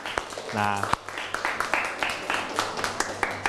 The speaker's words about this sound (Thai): ถูกต้องไหมครับถูกต้องปรบมือให้กับเพื่อน